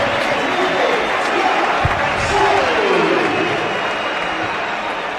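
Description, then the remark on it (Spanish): A dense, steady stadium crowd roar mixed with applause at the José Rico Pérez stadium as Fransol comes onto the pitch, with whistles rising and falling through the noise for about five seconds. “Yo diría que más aplausos en la salida de Fransol que pitos.”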